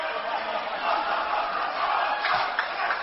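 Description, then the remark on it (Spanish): A group of voices shouts a ritual team chant together, cheering each other on with someone in the middle, a dense, steady roar of many throats held loudly for the whole moment, with slight swells near the end. “No, pues están dando ánimos, se están echando porras, están gritando entre ellos.”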